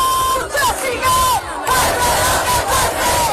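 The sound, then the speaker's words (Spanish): A large housing protest crowd at a night rally in the Plaza de la Encarnación chants and shouts loudly in steady rhythmic bursts, a dense roar of many voices with brief dips between phrases and a few high sliding tones riding above. “Escuchamos los sonidos desde la Plaza de la Encarnación.”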